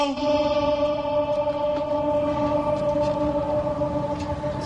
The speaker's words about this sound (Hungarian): Van itt egy kis ablak, ahol be lehet egyébként kiabálni, nem tudom, mennyire adja vissza a mikrofon. Hát mindjárt kiderül. Igen, tehát a rácsokon be lehet kiabálni, azért már van ennek most is visszhangja.